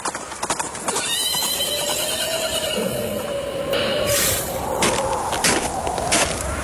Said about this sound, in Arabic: شايف فارس على خيل سودة جاي علينا